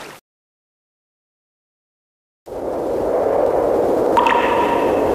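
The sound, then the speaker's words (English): Crystal-clear river ice floes drift downstream during the spring thaw in Heilongjiang, grinding past in a steady, rushing wash, with bright, ringing chimes sounding briefly near the end after a short stretch of silence. “The Heilongjiang River, Songhua River, and Wusuli River are thawing after a lengthy winter.Crystal clear ice flows glide as they drift downstream, creating crisp echoes that seem to be the music of spring in Heilongjiang.”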